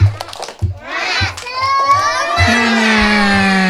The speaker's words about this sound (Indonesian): Ya, kalau masih semangat sekali lagi ya kita tepuk semangat yuk. Tepuk semangat. Se. Ma.